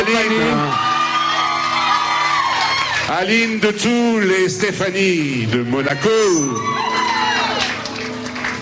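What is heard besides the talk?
audience applause and cheering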